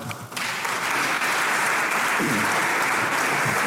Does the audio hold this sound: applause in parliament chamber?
yes